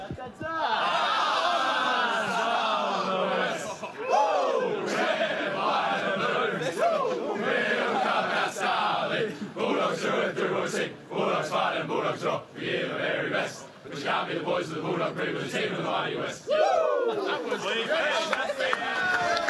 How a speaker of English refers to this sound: So there you go, and polite rounds of applause. As I said, not massive exuberation